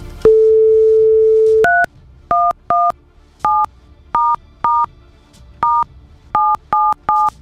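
A steady telephone dial tone hums for over a second, then about eleven crisp touch-tone dialing beeps follow in quick, uneven succession, loud, with no talking.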